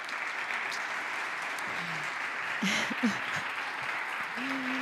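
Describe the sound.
A crowd of students from towns of Huelva province, including Calañas, Nerva and Valverde, claps steadily and continuously as David Toscano, president of the Diputación de Huelva, takes the stage: a dense, even wash of applause that holds at the same level throughout, with a few faint voices murmuring underneath.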